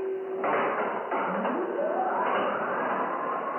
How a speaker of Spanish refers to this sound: El guardia accionó una palanca y la puerta metálica se abrió.